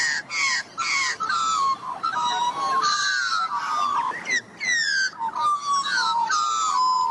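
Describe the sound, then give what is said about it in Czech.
A kangaroo gives a rapid series of harsh, raspy calls, each sliding downward in pitch, loud with only brief gaps between them and no other sounds. “Tak, holky, kluci, kdo to k nám přišel na návštěvu? Je to sice těžké, ale pozor, 3, 2, 1... Klokan.”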